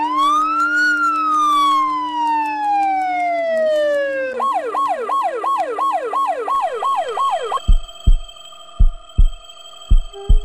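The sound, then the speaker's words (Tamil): A loud ambulance siren sweeps in a long slow wail, then switches to a rapid yelping cycle, followed by a few deep, evenly spaced heartbeat-like thumps. “அதான் நான் வேணும்னா ஆம்புலன்ஸ் அனுப்பட்டுமா? ஹாஸ்பிட்டலுக்கு கூட்டிட்டு வந்துருங்க, இங்கேயே பாத்துக்கலாம்.”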